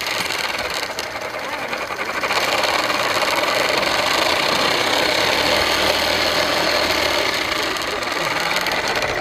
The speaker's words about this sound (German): Was ist denn das hier für eine Smoothie-Maschine? Also das ist ein Fahrrad, aber nicht ein normales Fahrrad. Dieses Fahrrad hat so einen kleinen Tisch und da im Tisch ist so eine Smoothie-Maschine. Man hat so einen Becher, da tut man die Früchte rein